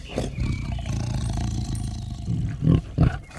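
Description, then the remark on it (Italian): A tiger named Betlemme, loose in a garden after eating a peacock, roars in deep, rumbling growls that run throughout, swelling into two louder snarling bursts near the end. No one speaks. “Cazzo, la tigre si è mangiata il pavone, porca troia!”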